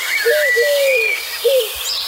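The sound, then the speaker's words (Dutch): A pigeon coos in a few soft, drawn-out, slightly wavering notes, two close together and one after a short pause, clear with a faint hiss behind. “Nee, het was 100 punten een duif.”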